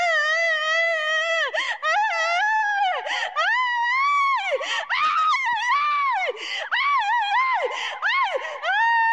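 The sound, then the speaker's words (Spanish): A person wails and screams continuously during a deliverance at the Pentecostal church La Cosecha in Olmos on Friday 23 January 2026, the loud voice rising and falling in long, strained, sobbing cries with brief catches of breath between them. “¿Qué te está pasando, Satanás? ¿Qué gritas?”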